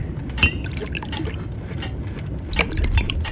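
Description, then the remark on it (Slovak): Rum pours into a glass, opening with a sharp glassy clink, then a steady trickle and a brighter burst of splashing near the end, with no one speaking. “Ulej rumu.”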